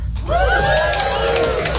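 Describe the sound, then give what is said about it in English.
A comedy show audience, the people in relationships, cheers loudly in a sustained burst, with whoops and high shouts riding over a broad roar of many voices and some clapping. “People in relationships, give me a cheer.”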